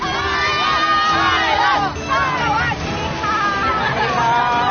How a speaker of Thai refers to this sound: ตลอดเส้นทางที่ขบวนเคลื่อนผ่านได้รับความสนใจและเสียงปรบมือจากผู้คนกว่า 500,000 คนตลอดเส้นทางทุกคนต่างร่วมส่งรอยยิ้มและเสียงเชียร์อย่างไม่ขาดสาย